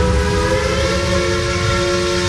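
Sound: train passing with whistle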